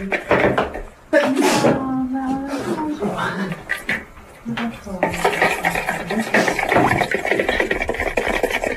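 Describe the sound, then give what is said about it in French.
Kitchen utensils clink and scrape steadily against a bowl as a salad is tossed, fairly loud, with a voice briefly talking over the busy clatter. “C'est beau ce son. C'est moi quand je fais la salade, je suis plus musicien.”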